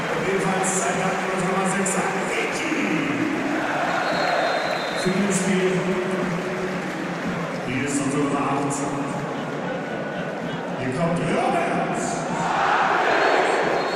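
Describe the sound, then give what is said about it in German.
A large stadium crowd applauds and murmurs in a steady wash of noise as Robert Andrich comes on as a substitute in a Bayer Leverkusen double substitution, with swelling voices and chant-like tones rising and falling throughout, without a clear break. “Kleinen Applaus hinterher. Ich habe ein bisschen mehr erwartet.”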